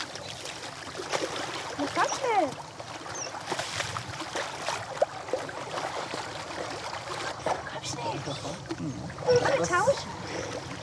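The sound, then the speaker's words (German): A rescue training doll splashes into water, followed by ongoing sloshing and rippling sounds, with faint voices in the background. “Dieses Mal kommt die Puppe ins Wasser.”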